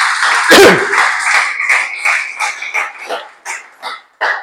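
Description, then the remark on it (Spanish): An audience applauds the Lord in a dense burst, with a sharp thump near the start, then the clapping thins into scattered, fading claps before stopping. “Dale ese aplauso al Señor, que estáis muy serios.”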